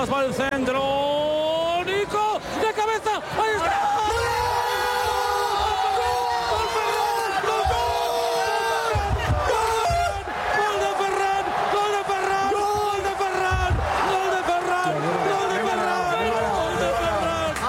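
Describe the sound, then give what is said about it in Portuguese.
A large crowd cheers and sings together in loud celebration of Spain's 1-0 victory over Argentina in the final in New Jersey, many voices blending into a continuous, swelling chant that fills the whole stretch without pause. “la gente canta.”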